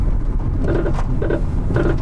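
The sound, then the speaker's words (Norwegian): A faulty car's engine runs roughly with a repeating, uneven clunking or grinding noise, pulsing about every half second over a steady low rumble, fairly loud. “Hører vi en bil som ikke blir EU-godkjent?”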